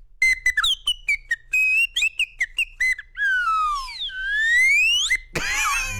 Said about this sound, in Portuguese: Você viu? É apito de cartoon. De cartoon do Tom e Jerry, né? Do Network. Do Tom e Jerry.